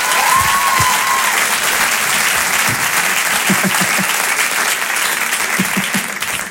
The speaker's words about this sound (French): Allez, on peut l'applaudir très fort.